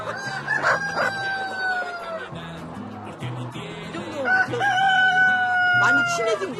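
Two long, loud rooster crows ring out one after the other, rising then trailing off, over a steady murmur of clucking chickens on a farm of about 2,000 chickens as they gather to feed.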